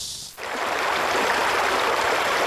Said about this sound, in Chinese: 木质的水阁下，河水流淌，流水人家在桨声当中送走了一个个寒来暑往，连绵数公里连缀成了一幅秀美的风景画。